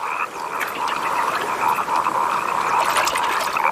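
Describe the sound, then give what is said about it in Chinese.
A dense chorus of wood frogs during their brief, explosive breeding period of only a few days, countless overlapping clucking, croaking calls blending into a steady, loud, busy wash of sound with no voices. “林蛙抱对繁殖只持续几天时间，这种短时间内大量繁殖的行为也被称为爆炸式生殖。”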